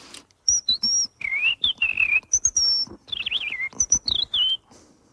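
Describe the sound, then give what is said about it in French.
Someone whistles an imitation of a European robin's song, the robin part of Messiaen's Catalogue d'oiseaux: quick, high, warbling phrases with slides and trills, fairly loud, broken by short sharp clicks between notes. “Dans son catalogue d'oiseaux, il a dédié une partie au rouge-gorge.”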